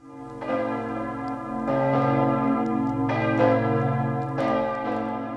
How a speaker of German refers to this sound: Das sind die Glocken von Kloster Ettal, sozusagen die örtliche Hausmusik.